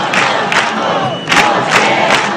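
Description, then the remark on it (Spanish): A large protest crowd at a tenants' union assembly in the Puerta del Sol, Madrid, chants slogans in unison, including "huelga general" (general strike), loud shouted bursts rising in a steady repeating rhythm over a continuous roar of many voices. “Además del no nos vamos, nos quedamos, en la asamblea organizada en la Puerta del Sol se escucharon recurrentemente 2 palabras.”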